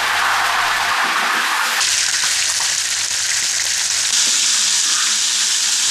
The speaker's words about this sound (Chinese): 做八面煎鱼的工序最讲究的是火候，大锅大灶才能提供足够的施展空间，火力的大小至关重要，松毛干柴做燃料，煎制出来的八面煎鱼才算地道。